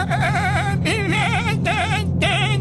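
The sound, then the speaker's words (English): A person imitates a baby billy goat as a birthday greeting, with three high, wavering bleats in quick succession, each quavering tremulously, loud, with a faint steady hum beneath. “Billy goat sounds a little grown. Can you make it sound like a baby? It's got to be a little higher.”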